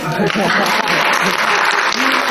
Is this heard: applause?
yes